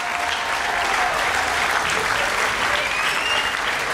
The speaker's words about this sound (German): Ja, ein riesengroßer Applaus natürlich.